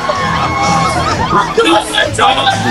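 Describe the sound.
A group of about five Americans shouting close by, raised voices overlapping in a loud, steady clamor with occasional sharper yells rising above the babble for almost three seconds.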